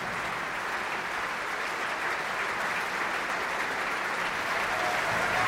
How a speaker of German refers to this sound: Gerade ist der Vorhang noch geschlossen und die Darstellerinnen und Darsteller, sie treten einzeln davor. Holen sich hier ihren Applaus ab.